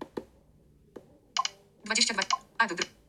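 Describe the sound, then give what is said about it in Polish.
Two sharp, dry computer mouse clicks, selecting the option to mute a browser tab, sound a little under a second apart, followed by a few short bursts of speech. “Klikam.”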